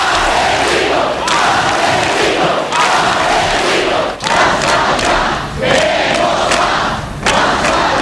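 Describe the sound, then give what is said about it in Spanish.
A large crowd shouts a protest chant against ETA, the cry known as the spirit of Ermua: a loud, dense roar of voices rising and falling in rhythmic waves of chanting with brief dips between phrases, sustained for the whole stretch. “Ese grito fue el espíritu de Ermua.”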